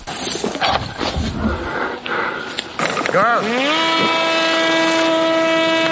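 A small Furia reconnaissance drone is launched with a stretched special rubber bungee cord: a rushing, scuffling burst, then its engine whines up sharply in pitch and settles into a loud, steady buzzing drone as it heads toward an enemy position.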